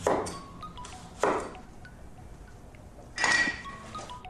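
Kitchen cooking sounds: three bright clattering clinks of dishes and pans, each leaving a short metallic ring, separated by quieter stretches of low background noise. Nobody speaks.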